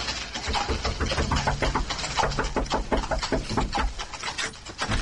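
Loud pounding on the wooden door of an inn, a rapid run of heavy blows that continues without pause for several seconds, with no voices.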